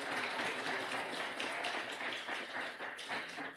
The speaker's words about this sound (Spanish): Muchas felicidades a todos y que viva la red Derbol. Un aplauso para todos.